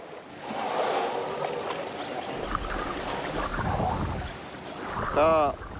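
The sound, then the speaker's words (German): An elephant plays in deep water: steady splashing and churning with low rumbles underneath, and a short, rising-and-falling tonal call near the end. “Sie spielt gerne im tiefen Wasser.”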